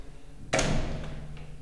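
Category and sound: household object, door being closed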